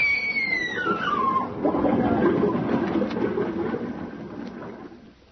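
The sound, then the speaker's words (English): Water rushes and churns loudly down a passageway of a sinking ship, a falling metallic whine sliding down at the start before the roaring torrent gradually fades toward the end. “Water gushed down the passageway. She was swallowed by it.”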